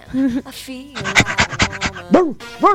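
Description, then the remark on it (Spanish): A small dog pants in a quick, steady burst of about eight sharp huffs, framed by short higher-pitched vocal sounds at the start and end. “¡Oh, ese es un perrito!”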